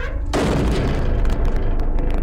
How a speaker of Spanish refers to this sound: pero casi al instante escuchamos otro golpe. Me puse de pie para ir a revisar, y en ese momento el interior de la cámara fue golpeado una vez más.